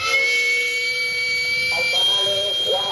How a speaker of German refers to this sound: Zu hören? Der Dampfauslass eines kleinen, rumpelnden Bollerwagens, in dem das Streetfood über Holzkohle gart.